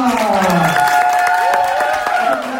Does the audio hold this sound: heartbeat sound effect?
no